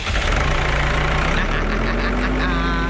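A tractor engine idles steadily, a loud, continuous low rumble with a throbbing, slightly knocking rhythm that holds unchanged for the whole few seconds.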